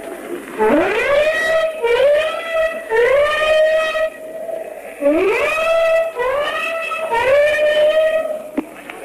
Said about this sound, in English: The own ship has just gave its warning whistles, and now the flak is coming up in the sky, and streamers from the warships behind us.